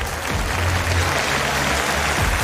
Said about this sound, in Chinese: 大きな拍手を送りください。